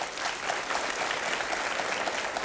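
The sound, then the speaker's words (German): A large audience claps steadily and loudly throughout, voting by applause for its favourite option, a dense, continuous wash of applause without pauses or speech. “Das haben Sie am meisten geklatscht.”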